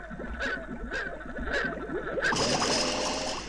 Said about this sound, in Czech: A já bych potřeboval, kdybys vzal kousek stébla a nafoukal do nádrže trochu bublinek. Ano, jistě hned do sirupu bublinky a do nádrže vosu.